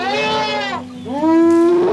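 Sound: elephant vocalizing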